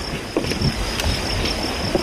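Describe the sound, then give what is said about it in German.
A boat rocks on the water: a steady wash of lapping water and wind with a faint high whine and soft knocks and creaks, with no one speaking. “Das Boot hat so einiges erlebt.”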